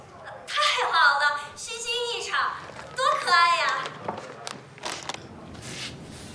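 A cat cries in a few drawn-out, wavering wails that sound almost like a baby, fairly loud, followed by quieter shuffling and murmuring sounds.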